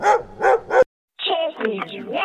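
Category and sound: animal, dog barking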